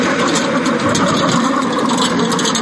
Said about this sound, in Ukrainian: Віктор вчиться керувати наземним роботизованим комплексом.